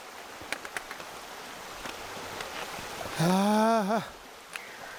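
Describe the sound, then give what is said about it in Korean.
Steady, soft rushing of flowing water fills the background, with a few light clicks and a brief, drawn-out vocal exclamation rising over it near the end. “물소리 들리고.”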